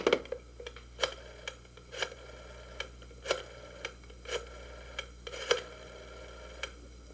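A telephone being dialed at a hospital to call a doctor about an emergency, with a quick, irregular series of sharp mechanical clicks and no voices; no ringing is apparent.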